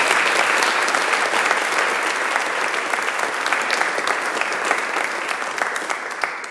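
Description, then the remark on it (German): Sustained applause from an audience for a guest from the Congo, a dense wash of many hands clapping steadily and fairly loudly for several seconds, with no talking over it. “Ich glaube, da kann man wirklich auch mal einem Menschen Beifall klatschen, bis aus dem Kongo.”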